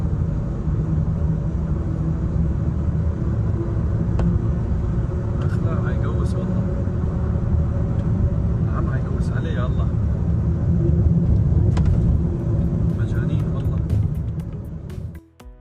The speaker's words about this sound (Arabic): السبب كما قال مصور المقطع هو أن السيارة حاولت تجاوز الدراجة في مشهد يسلط الضوء على خطورة انتشار السلاح خارج مؤسسات الدولة.